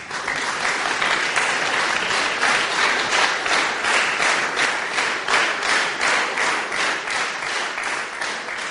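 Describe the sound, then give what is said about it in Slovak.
A large ceremony audience applauds steadily and without pause for minutes after the reading of a laudation, honoring the Union of Slovaks in Hungary as it receives an award, dense clapping at an even, fairly loud level, with faint rhythmic pulses running through it. “Po prečítanie laudácie nasledovali minúty dlhotrvajúceho potlesku, ktorý vyjadroval úctu všetkých prítomných k zväzu”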